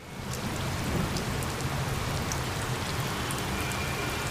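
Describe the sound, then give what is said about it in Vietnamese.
Steady heavy rain pours down onto a hard surface, a dense continuous hiss with scattered brighter droplet patters, constant throughout with no voices. “Thưa quý vị, những cơn mưa dội dàng hay kéo dài đều khiến việc di chuyển trên đường của các phương tiện khó khăn.”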